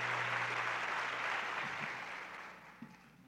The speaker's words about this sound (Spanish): Muchas gracias por sus aplausos para ellos. Yo siempre he dicho que el aplauso es el alimento del artista.